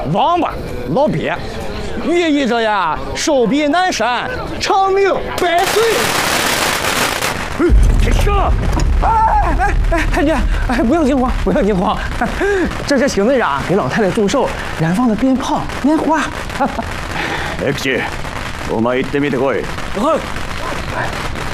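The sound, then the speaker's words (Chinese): A burst of firecrackers and fireworks, set off by Captain Xing to celebrate an old lady's birthday, erupts loudly for a couple of seconds, followed by a lingering low rumble while people keep talking throughout. “哎哎哎，太君，哎，不用惊慌，不用惊慌，这是邢队长给老太太祝寿燃放的鞭炮、烟花。”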